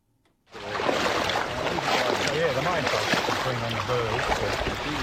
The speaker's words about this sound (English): With my waders on, I'm trudging through knee-high water in this wetland outside Rushworth in northern Victoria.